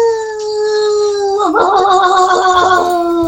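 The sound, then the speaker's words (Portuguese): A person imitates a dog howling: a loud, sustained vocal tone that holds steady, then dips and wavers with a quavering, wolf-like warble for a few seconds, with no talking. “O seu nome, meu nome de cachorro seria Coragem. Coragem. Aí o latido é o... Au!”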